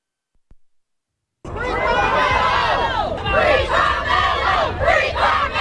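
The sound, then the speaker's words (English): A large crowd outside a North Texas courthouse shouts and yells together, reacting to the verdict in the Carmelo Anthony murder trial: a loud, dense roar of many voices that starts abruptly after a brief silence and stays intense, with rising and falling cries. “Crowds outside of a North Texas courthouse are reacting to the verdict in the Carmelo Anthony trial.”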